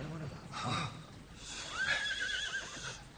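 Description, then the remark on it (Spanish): A horse lets out a clear, rising-and-falling whinny partway through, fairly loud, with some shuffling and low rumbling around it and muffled voices in the background. “Y ata bien esos caballos.”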